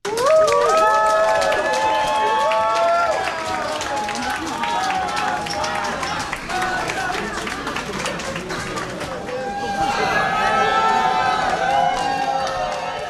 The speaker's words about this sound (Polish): Mimo widocznego zmęczenia 10 meczami, Maja Chwalińska natychmiast utonęła w morzu kwiatów, a kibice zgotowali jej niesamowitą głośną owację.